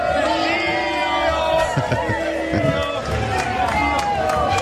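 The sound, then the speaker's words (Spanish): A dense crowd of people shouts and cheers together in the streets of Wales, celebrating Argentina's victory, a steady roar of overlapping voices with whoops and chanting rising above it throughout, some shouting "Lío". “Gales, bueno, lo hacían de esta manera festejando ayer por la victoria de Argentina en Gales.”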